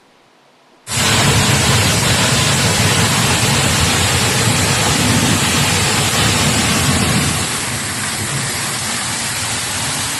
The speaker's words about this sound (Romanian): A plouat cu grindină de mărimea mingii de golf în nordul Germaniei. Furtuna a provocat inundații și a paralizat traficul.